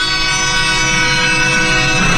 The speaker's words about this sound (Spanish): Viene el tren bien cerquita, loco. Pero cerquita. Y escucharon. Sí. Pitándole, pues como siempre pita el tren avisando que va a llegar.